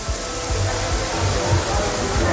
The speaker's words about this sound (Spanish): El metro de Valencia, por ejemplo, sonaba así. Esto era captado por unos usuarios dentro del mismo metro. Escuchemos la cantidad de agua. Estación de Jesús del metro de Valencia.